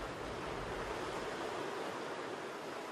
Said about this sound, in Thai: เกลียวคลื่นอันทรงพลังคือบททดสอบที่ยิ่งใหญ